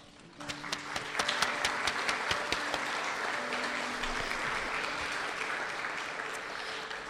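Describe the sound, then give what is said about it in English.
Audience applause at an art competition awards for the absent second-place winner, Anzu Sekikawa, and her painting: a steady wash of many hands clapping, with sharp individual claps standing out, swelling quickly after a brief quiet start and holding at a moderate level throughout. “Anzu unfortunately cannot make it, but thank you again, and another round of applause for Anzu.”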